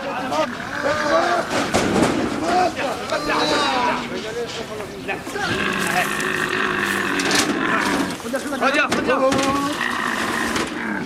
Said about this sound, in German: Einzelne Kamele setzen dagegen zu einem verzweifelten Geschrei an, sobald sie von der Herde weggeführt werden.